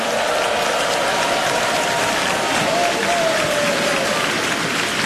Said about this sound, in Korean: 힘찬 무대를 보여준 우리 어린이 합창단에게 다시 한번 큰 박수 보내주시기 바랍니다.